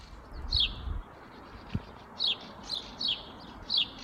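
Sparrows chatter in the morning in a series of short, bright chirps that repeat every half second or so, over a soft, steady outdoor background with a faint low thump.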